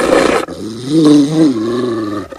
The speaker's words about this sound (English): a Rottweiler that emerges from behind the kitchen counter. Its pulled back lips reveal sharp white teeth.